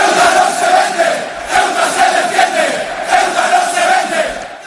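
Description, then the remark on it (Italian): A large football crowd of Frente Atletico ultras, supporters of Atletico Madrid, chants in unison the slogan that Ceuta is not for sale and Ceuta defends itself, the massed voices loud and continuous with pulsing emphasis. “Il grido è Ceuta non si vende, Ceuta si difende. Il gruppo Ultras del Frente Atletico è uno dei più conosciuti della tifoseria dell'Atletico Madrid, uno dei più politicamente schierati a sostegno dell'estrema destra.”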